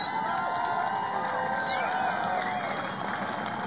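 A large rally crowd cheers steadily, a loud sustained roar layered with high whistles and shouts that rise and slide in pitch, with scattered clapping throughout.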